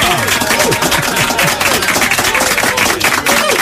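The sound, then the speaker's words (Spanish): Steady, loud applause from a crowd, a dense wash of many hands clapping that holds for several seconds, with scattered cheering voices rising through it. “¡Un aplauso para ti!”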